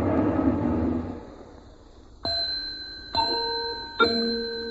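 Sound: clock ticking and chiming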